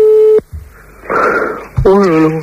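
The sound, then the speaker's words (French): A telephone ringback tone sounds once, steady and electronic, then cuts off. A burst of rushing noise and a wavering, hummed vocal sound follow, with no one answering. “Là, ça sonne, mais ça décroche pas, mon pied.”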